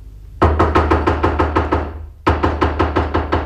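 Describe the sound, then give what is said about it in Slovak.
Two quick runs of sharp, loud knocks on a door that is locked from the inside, each run a steady rapid rhythm of about eight raps, with a brief pause between them and no voices. “Skúsme zaklopať.”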